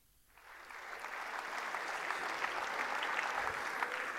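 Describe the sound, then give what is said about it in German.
A sold-out audience bursts into applause during the second half of Bernd Stelter's 2024 performance, the dense clapping swelling in after a brief quiet start and then holding steady and loud throughout, with no voices standing out. “Große Begeisterung beim Publikum und bei euch sicherlich jetzt auch hier im FRK.”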